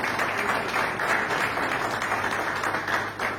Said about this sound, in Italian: Gli applausi sono per …, …, con … alla chitarra, … al basso e … alla batteria, in diretta dallo studio Foce di Lugano.